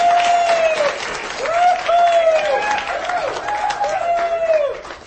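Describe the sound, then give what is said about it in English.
An audience at a show with Dr. Ray Guarendi applauds steadily for about five seconds, a dense wash of clapping with high whoops and cheers rising and falling above it, and no speech. “If this is what I had to do to get applause.”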